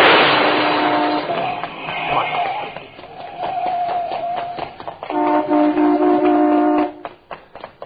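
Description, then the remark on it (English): A Cadillac smashes into a Dodge at an intersection: loud, noisy crashing and clattering impacts alongside sustained blaring horn-like tones, fading out at the end. “Yeah, he really cracked into that Dodge, didn't he?”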